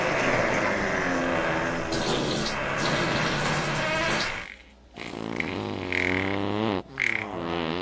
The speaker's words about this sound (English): Well, let's give her lots of farts. Here's a big fart. Yeah. A combo one.